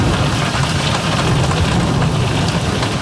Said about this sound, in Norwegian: Et villere og våtere vær med styrt regn og slagregn, mye på grunn av klimaendringer.